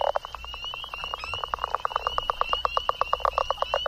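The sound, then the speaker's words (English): A chorus of spring peeper frogs calling steadily, with rapid, evenly spaced pulses and a high, thin peeping tone running over them, continuous, with no voices. “Got a spring peeper.”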